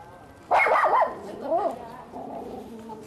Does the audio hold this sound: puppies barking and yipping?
yes